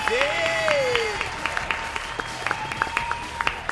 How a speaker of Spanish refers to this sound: Y un aplauso para el canal del millón, damas y caballeros.